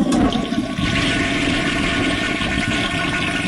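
A toilet flushes loudly, a steady rushing gush of water that holds for a few seconds with no voices.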